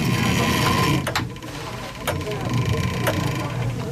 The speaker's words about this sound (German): Das sind viele, viele Zahnräder. Da ist noch so ein kleiner Motor, da ist eine Kurbel und Klaus-Dieter Hanke hat da gerade dran gedreht. Und das ist das Uhrwerk von Arnsbeck hier für die Kapelle.